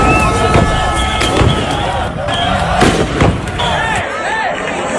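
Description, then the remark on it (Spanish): Loud, sharp bangs of deterrent rounds fired by police at a group of agitated people go off irregularly, several in quick succession, over a constant roar of a crowd with shouting voices and occasional high whistles, at Trampolín beach in Ceuta, where hundreds of immigrants sleep. “La policía ha disparado cargas disuasorias contra ellos.”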